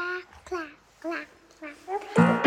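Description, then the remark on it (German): A baby babbles in a few short, high-pitched vocal bursts with rising and falling pitch, fairly clear, ending in a louder, fuller burst of sound, heard at the start of a song. “Und da ist am Anfang einfach ein Baby zu hören.”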